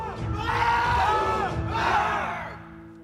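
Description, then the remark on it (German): A group of Jugger players at the Breitenfelder SV roars a battle cry together, loud, rising in two big surging shouts over about three seconds before trailing off. “Schreien befreit.”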